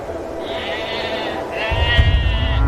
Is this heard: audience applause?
no